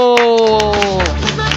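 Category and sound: crowd, applause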